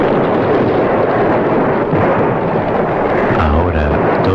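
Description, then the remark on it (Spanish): Loud, rumbling sporadic blasts of a Turkish cannon rolling over dense, noisy battle din on a battlefield, with deep booms breaking through irregularly and a heavier low thud near the end. “Silencio, excepto las explosiones esporádicas del cañón turco, cuya voz grave pronunciaba una sentencia de muerte.”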